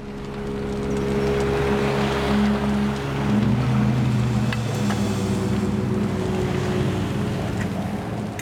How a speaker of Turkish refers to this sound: Hey! Bu bir tekne.